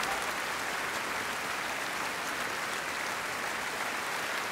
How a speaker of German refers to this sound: Fantastisch, geben Sie einen riesigen Applaus, der größte Fanfare der Niederlande.